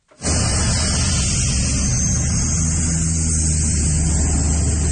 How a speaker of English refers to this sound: The sound of a water bomber there.